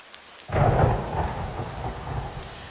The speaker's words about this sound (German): Ach ja, immer dieser Regen. So wie es hier schüttet, gibt's bald Hochwasser, meint ihr nicht?